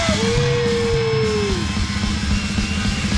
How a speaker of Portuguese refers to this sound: Toda a gente braço no ar, toda a gente a aplaudir.